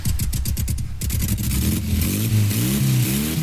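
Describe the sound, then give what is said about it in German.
A motorcycle engine revs up loudly at a weekend women's biker meet in Schwalmstadt, a sputtering pulse at first that climbs into a steady, throaty roar with rising and falling pitch. “Hier trifft sich die Bikerinnen-Szene am Wochenende zum Motorradfahren und Feiern.”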